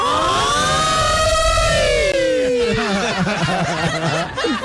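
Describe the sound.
A person loudly imitates an alarm siren with their voice: a long wail that rises and slowly falls, then breaks into a choppy, warbling stutter, almost like chuckling.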